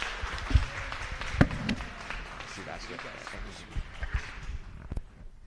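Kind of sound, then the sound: crowd, church audience applauding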